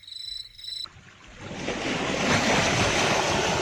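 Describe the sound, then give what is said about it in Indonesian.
A short tonal chirp gives way to a broad, rising roar of surf as waves wash in and break on the shore, building to a steady, full rush with some wind. “Ngomong-ngomong ya, apa kamu sudah sering ke pantai ini?”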